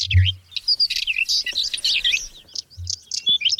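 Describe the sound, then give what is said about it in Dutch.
Birds chirp and warble continuously in a busy, overlapping chorus of high, quick notes, clear, with a couple of soft low thumps underneath. “Ze vormen een gevaar voor vogels als de tapuit en het paapje.”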